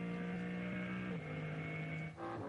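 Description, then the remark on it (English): The turbocharged engine of a BMW M3 Touring race car, effectively the BMW M4 GT3 engine, roars loudly and continuously with a buzzing, harmonic drone, not at full power as it enters a yellow flag zone. Its pitch dips briefly twice, as at gear shifts, with no voices. “Listening in to what is effectively still the BMW M4 GT3 turbocharged engine.”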